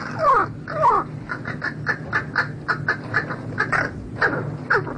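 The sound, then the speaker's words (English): A crow caws repeatedly, with two long harsh calls followed by a rapid series of shorter, rhythmic caws, fairly loud, with no talking. “And a crow's song is particular to its social group.”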